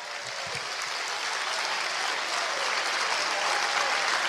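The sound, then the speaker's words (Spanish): An audience claps steadily as applause for Christ, a dense, even wash of applause that holds at a constant loudness for the whole stretch with no voices rising above it. “Un aplauso a Cristo.”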